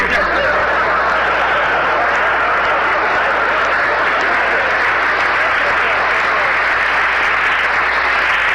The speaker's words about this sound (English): Please, there's two ways to take that applause, you know.